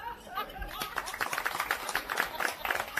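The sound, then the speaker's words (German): A crowd claps steadily and densely for about three seconds for a very young musician taking a bow, a fairly loud, even patter of many hands, with a little laughter mixed in and no clear speech. “Die Leute klatschen solange du dich verbeugst.”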